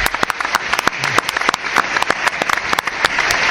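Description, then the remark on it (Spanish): Clapping fills the whole few seconds, a dense, irregular run of sharp, bright hand claps at steady loudness, with no pause between them. “¿Puedo aplaudir?”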